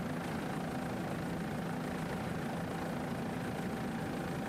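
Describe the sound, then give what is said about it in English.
The two 500 horsepower Mercury outboard engines of a racing powerboat idle with a steady, dense rumble, a constant broad drone holding level throughout without revving or pauses, fairly loud. “This boat powered by two 500 horsepower Mercury imports.”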